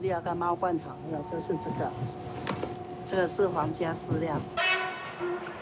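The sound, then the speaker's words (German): A train horn sounds a long, steady tone for a few seconds while a train travelling from Taipei to Houdong rumbles along, with a person talking over it in the foreground. “Die Eisenbahn verdankt hier ihre Existenz den großen Kohlevorkommen um Houdong.”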